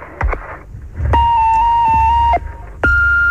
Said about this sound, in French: On n'est pas là, on est parti se promener, mais veuillez laisser votre message après le bip.